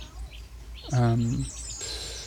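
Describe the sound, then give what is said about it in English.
Faint birdsong chirps in the background, with a brief, louder low-pitched call rising up in the middle before the chirping continues on its own. “We're going to get out of the birds into the river after that, but just before, we can go for one last listen to the birds.”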